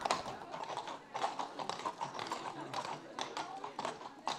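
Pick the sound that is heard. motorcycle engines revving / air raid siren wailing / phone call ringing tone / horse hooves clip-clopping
horse hooves clip-clopping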